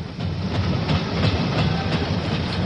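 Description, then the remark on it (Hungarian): A train rolls steadily along the rails with a continuous rumble and a faint, repeating clickety-clack of wheels. “Én a következő vonattal indulok.”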